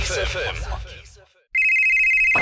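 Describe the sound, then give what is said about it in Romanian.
Brief talk fades into a moment of silence, then a telephone starts ringing, in a radio advertisement for Hotel Savoy Mamaia, with a loud, steady, high electronic tone that holds unbroken to the end. “Hei, te sună marea.”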